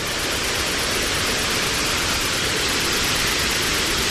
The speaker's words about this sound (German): Es führt sie einen schmalen Pfad entlang bis zu einem Wasserfall.